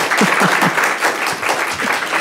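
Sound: small live audience applauding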